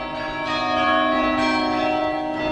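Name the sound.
carillon bells ringing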